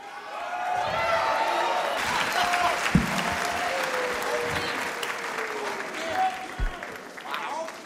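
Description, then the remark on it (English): A live audience shouts out overlapping song requests amid steady clapping and cheering, a loud, continuous wash of crowd voices with a few sharp claps standing out. “crowd request, you get one … stim. So shout out what you want to hear tonight.”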